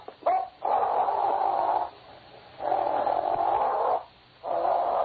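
A dog named Lobo growls in three long, sustained snarls separated by short pauses, each rumbling steadily at a fairly loud level with no talking over it.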